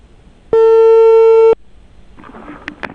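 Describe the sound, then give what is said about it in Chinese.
A single loud, steady electronic telephone tone sounds for about a second as a reporter on a live Inner Mongolia Radio and Television program dials the Dangpudi Manchu Township government office landline again, then cuts off abruptly, followed by faint line noise and a few soft clicks. “电话再次拨出。”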